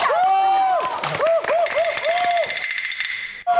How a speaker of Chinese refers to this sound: 来点掌声鼓励鼓励。